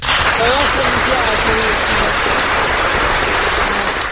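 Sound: applause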